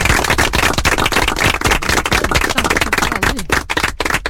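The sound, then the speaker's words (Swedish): Loud, dense applause from many hands, a steady crackling wash of overlapping claps that runs for the whole stretch with no voices over it. “Nu var det som så att det var massa applåder här också.”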